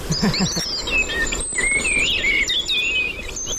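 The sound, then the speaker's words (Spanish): A common blackbird sings fluty, warbling phrases through a busy outdoor dawn chorus, with other birds chirping and a steady insect-like buzz underneath; continuous, with no voices. The Merlin bird-sound app identifies it as a common blackbird. “Mirlo común.”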